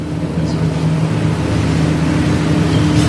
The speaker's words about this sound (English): Yeah, Madam Speaker, I have a little competition with a noisy truck on the other side here, so just a minute.